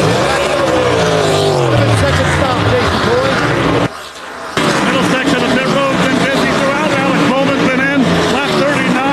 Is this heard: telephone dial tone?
no